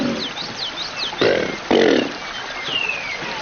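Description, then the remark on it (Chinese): Two short, rumbling roar-like bellows from a Chinese alligator, which has no vocal cords and makes the roar by contracting its chest and belly muscles to sharply compress its lungs and force air out, each loud and breathy, separated by a brief pause, while thin high bird chirps and whistles continue in the background. “扬子鳄没有声带，但它们通过控制胸腹部的肌肉，急剧压缩肺部，促使气流迅速排出，从而产生类似吼叫的声响效果。”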